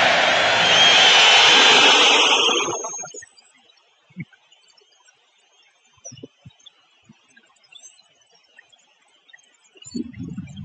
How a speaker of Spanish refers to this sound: aquí está el abucheo de la afición del colchonero. A Julián Álvarez. Muy bravo.